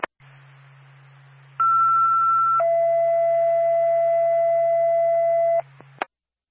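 Bethlehem Fire Department dispatch alert tones for a reported tree on wires on fire on Trudeau Road: a steady high tone holds for about a second, then drops straight into a lower tone held for several seconds, loud over a low radio hum, with clicks at each end.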